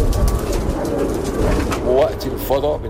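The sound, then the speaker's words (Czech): Pigeons coo in low, warbling bursts, two or three rolling calls near the end, at a rooftop pigeon loft on a 13-metre wooden-beam tower in an old Cairo neighbourhood, where about 200 bred pigeons are kept, set against a steady, dense background rumble with a faint murmur of voices. “Jedinou mojí zábavou ve volném čase jsou holuby.”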